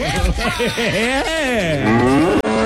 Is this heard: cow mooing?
yes